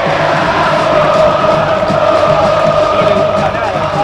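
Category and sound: crowd, football stadium crowd shouting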